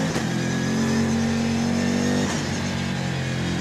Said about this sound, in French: je vous décris un petit peu la bête. 1250 kg, 600 chevaux, toute la puissance au roue arrière. Le V8, la V8 bi-turbo.